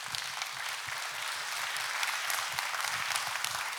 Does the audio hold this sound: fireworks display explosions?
no